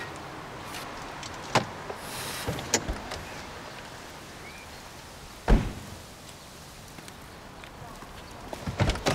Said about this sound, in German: Sie ist zu blöd zum Tür öffnen.